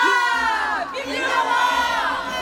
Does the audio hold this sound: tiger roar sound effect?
no